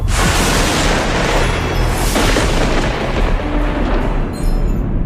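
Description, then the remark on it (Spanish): A loud, deep thunder rumble from the trailer for La Odisea (The Odyssey), a film directed by Christopher Nolan, rolling continuously for about five seconds with two heavier cracking surges early on, then easing slightly at the end. No one speaks. “El trueno.”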